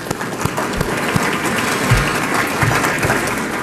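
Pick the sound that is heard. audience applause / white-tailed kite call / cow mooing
audience applause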